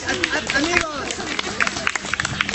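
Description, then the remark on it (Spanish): An audience breaks into applause for a performer's helper: a steady patter of many hands clapping, with voices and excited calls rising over it for the first moment before the clapping carries on alone. “No, aplauso para mi ayuda.”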